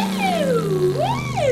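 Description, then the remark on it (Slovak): A loud ambulance siren wails, its pitch sliding down and then swooping back up, with a low steady hum underneath and no voices. “Záchranka sem.”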